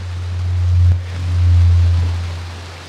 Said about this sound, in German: Das ist der Regen. Das ist der Regen, genau. Hier träufelt es gerade über uns. Gut, dass wir unter Dach stehen.